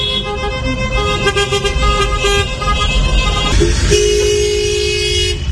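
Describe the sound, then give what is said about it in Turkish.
Car horns honk one after another in Antalya, sustained tonal blasts overlapping on a busy road with steady traffic rumble underneath, loud. Drivers are honking at a car decorated with pink balloons and a note asking people to honk to celebrate beating cancer. “Kornalar peş peşe çaldı.”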